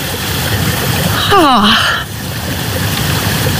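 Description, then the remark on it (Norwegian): Steady spring water trickles and burbles out between stones and green moss, a continuous soft wash, with a brief falling vocal sound briefly cutting in partway through. “Det ingenting over, og så plutselig så bare kommer det ut og pipler fram mellom steiner og mellom...”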